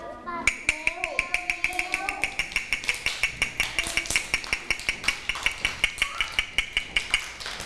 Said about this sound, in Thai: เด็กๆคะจังหวะนี้คือจังหวะอะไรคะจังหวะเร็วถูกต้องเลยจังหวะที่เด็กๆได้ยินก็คือจังหวะเร็ว